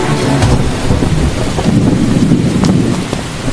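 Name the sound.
heavy rain and thunder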